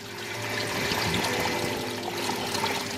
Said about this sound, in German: das Wasser kluckert und rauscht. Es ist auch ein paar Grad wärmer hier. Wir sind jetzt hier in einem richtigen tropischen Bereich. Das ist ein richtiges Tropenhaus.